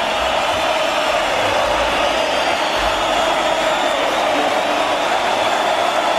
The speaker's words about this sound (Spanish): La Quinta se pone de pie para aplaudirle.